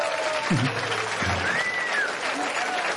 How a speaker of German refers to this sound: Und wir haben jetzt gleich die große Freude und ich bitte schon mal um einen riesen Beifall